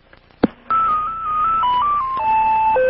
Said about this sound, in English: If you have any questions, please leave your message after the tone.